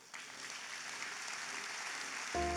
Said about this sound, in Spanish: Dese un aplauso.